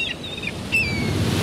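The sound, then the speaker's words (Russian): Seagulls call out over steady rolling surf, a few thin, drawn-out cries rising above the constant rush of waves and wind. “Чайки могут пить соленую воду.”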